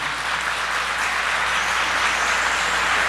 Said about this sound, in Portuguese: Um aplauso para você que é católico.